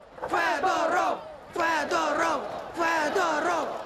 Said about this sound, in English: A Kiev square echoing to the sound of the ousted minister's name. Shame, shame, they chant.